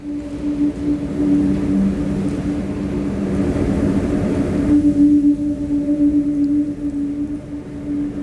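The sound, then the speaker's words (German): A whirly tube is spun, giving a steady, hollow whistling drone that holds on one low pitch with a fainter overtone above and a breathy rush of air underneath, with no talking. “Here's some Whirly. This is you on the Whirly.”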